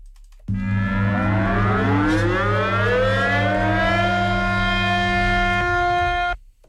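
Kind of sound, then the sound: signal or alarm, air raid siren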